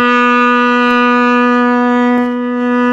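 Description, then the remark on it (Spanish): A loud, steady five o'clock whistle blast holds one unbroken, rich tone for several seconds, dominant, with no voices over it. “Así de sencillito, dice, ahora te bautizo como mi ex, pitazo de las 5.”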